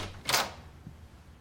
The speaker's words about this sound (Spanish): Estoy abriendo la puerta.